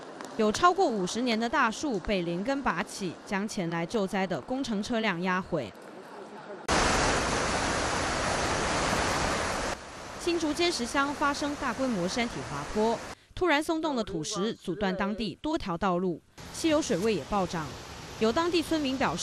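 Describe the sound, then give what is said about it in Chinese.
Strong wind gusts from Typhoon Bavi roar loudly for about three seconds in Taipei city, Taiwan, with no obvious heavy rain. The gusts come between stretches of a man talking, and the rushing noise lingers beneath his voice afterward. “而就在八威台风中心距离台湾最接近的此刻，在台北市区虽然没有明显的强降雨，但是呢，我们可以充分感受到阵阵强风带来的威力。”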